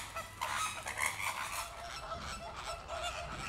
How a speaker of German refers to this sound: Da sind wir wieder so einen typischen Streit. Also je mehr, desto glücklicher und je mehr Nachbarkeitsstreit gibt es. Ein bisschen Hickhack stimuliert bei den Flamingos das Brutgeschäft.